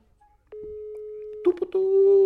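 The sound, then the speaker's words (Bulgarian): An international phone call placed during a radio broadcast rings out on the line: a steady, fairly loud electronic ringing tone holds for about a second, then continues under a brief burst of harmonic, voice-like sound. “не мога да чуеш телефона от това високо радио, къде си го избичил, ей.”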